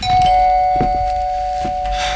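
A loud doorbell at a front door rings insistently, its steady electric tone held throughout with a few abrupt jolts as it is pressed again and again. No voices are present.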